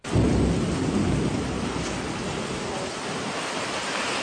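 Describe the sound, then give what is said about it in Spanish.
Heavy rain pours down steadily with a loud, dense roar, buffeted by strong wind, and a low rumble swells near the start before settling into a constant wash of noise. “Está buena la lluvia, paisano. Está precio la lluvia. Mucho viento, bastante viento, diría yo.”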